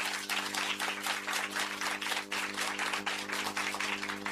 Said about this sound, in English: The answer is C, religion. Religion! A round of applause.